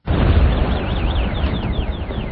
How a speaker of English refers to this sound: The sound of a strike this morning in the southern city of Tyre, as Israel said it was targeting Hezbollah infrastructure.